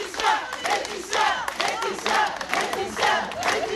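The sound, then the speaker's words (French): About twenty members of the collectif 8 mars toute l'année clap and cheer outside the courthouse in Digne-les-Bains, France, voices swelling in loud, repeated surges over steady applause, with no one speaking on their own. “Et comme chaque jour à la sortie du tribunal de Digne-les-Bains, une vingtaine de membres du collectif 8 mars toute l'année l'ont applaudi, cette fois plus longuement peut-être.”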